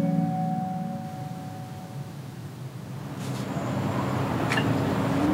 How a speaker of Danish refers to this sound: Det kommer der et fly, gør det ikke det? Jo, det tror jeg helt bestemt, der gør. Kan det være vandflyveren?